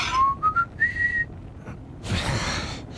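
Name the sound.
whistled melody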